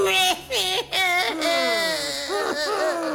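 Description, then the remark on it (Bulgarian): A voice imitates a fisherman's wife crying and sobbing inside their old, lopsided little house, with wavering, drawn-out wails and short catching breaths, fairly loud for about three seconds. “Вместо тях, на същото място, кривната на една страна се гушала старата им схлупена къщурка, а вътре жена му плачала да примирала.”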